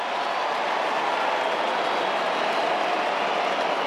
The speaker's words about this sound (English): Enormous roar around the ground as he makes his way back out there for West Coast.